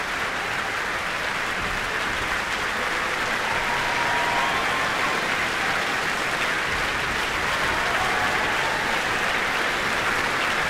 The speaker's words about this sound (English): Benjamin Northey is gesturing that the various principal players in the orchestra should acknowledge the applause.